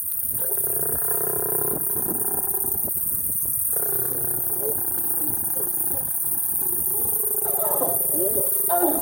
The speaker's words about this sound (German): Das gibt es auch nicht oft. Zwei Löwen paaren sich am helllichten Tag direkt neben der Straße. Autos stehen um die Tiere herum, Kameras klicken, Handys filmen.